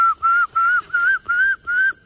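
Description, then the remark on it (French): Someone whistles an imitation of a little tinamou's call: six clear, pure notes in an even, steady rhythm, each gliding slightly upward, with short gaps between them and no talking. “J'imite le petit tinamou.”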